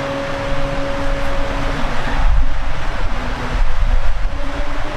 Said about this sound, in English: We are in a weather delay now. So, we are going to go to some rain delay programming is the plan here. You can hear that rain. It is just gushing down. The wind is blowing.